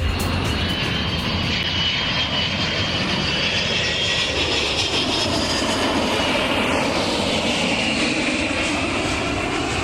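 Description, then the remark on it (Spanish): A steady, loud airplane engine roar fills the whole span, a broad rumbling drone with a high whine layered on top and a slowly shifting pitch, no voices present. “El sonido de hoy es el de un avión”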